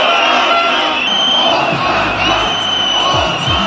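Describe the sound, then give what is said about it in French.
A large protest crowd on Parliament Square, so big the square struggles to contain it, cheers and shouts continuously outdoors, a dense wall of many voices with occasional louder whoops rising above the steady roar. “Jour après jour, la place du Parlement peine à contenir la foule tandis que des centaines de personnes restent bloqués dans les bouches de métro.”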